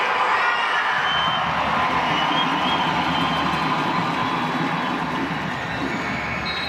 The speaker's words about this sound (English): Applause from the bench, which she's been one of those impact substitutions for Jimmy Kunratz.